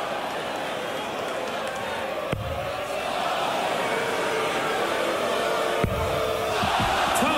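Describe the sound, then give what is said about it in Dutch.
A large darts crowd cheers and roars steadily in support of Dutch player Gian van Veen during a match, a dense wall of voices that never lets up, with two brief sharp knocks cutting through the noise. “En het publiek gaat erachter staan.”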